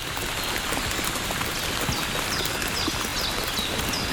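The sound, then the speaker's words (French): Fine, light spring rain patters steadily all around in a beech forest in the Pyrenean foothills, a dense, even hiss of fine droplets with occasional drips, continuous throughout with no voices. “Une pluie fine.”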